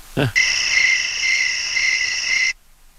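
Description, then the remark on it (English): A steady, high-pitched chorus of chirping crickets plays for about two seconds, a continuous shrill trill that stops abruptly, preceded by a brief low sound. “We'll go Crickets.”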